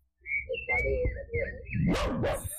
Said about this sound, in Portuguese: É o cachorro latiu.